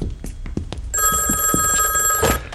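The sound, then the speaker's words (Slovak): A telephone bell starts ringing partway through, a sustained bright electronic trill with steady high tones, following a few soft knocks and rustles; the call comes from Rajec. “Idem, to bude Leo. Mal volať ako s tým rajcom.”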